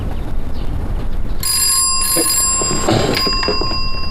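A telephone rings with a bright, sustained metallic bell tone that begins partway through and continues steadily to the end, loud over a low background rumble.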